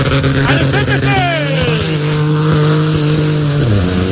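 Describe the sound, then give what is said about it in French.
A Peugeot 208 rally car, crew number 27, roars loudly during a rally, its pitch sweeping downward as it races past, with a second falling drop as it revs and shifts away. “Je vous promets une chose, j'aime le bruit de ces 208.”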